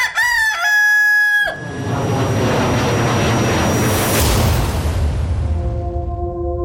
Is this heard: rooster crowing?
yes